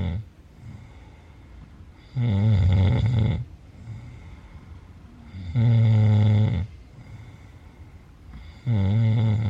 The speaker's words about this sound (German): Dies ist ein Grenzfall von Schnarchen, denn das vollklingende, im Schlaf erzeugte Schnorcheln, Krächzen, Schaben oder Würgen ist hier sehr schlecht ausgeprägt. Der Kenner hört hier höchstens einen Ansatz von Zischen heraus.